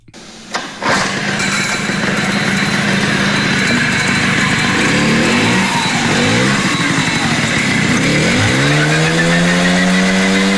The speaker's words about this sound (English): Thank you for doing that, because I was super curious to know, what does the 1979 version of the Jialing CJ50 sound like? And this is it.